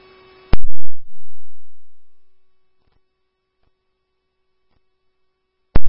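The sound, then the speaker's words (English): Fire dispatch paging tones for Rally Station 1 Fire and Rally Station 1 Ambulance: a sharp burst opens into a long, steady electronic tone that holds at one low-mid pitch for several seconds, fading to a quiet drone with faint clicks, then cuts off in another burst. “These are new tones.”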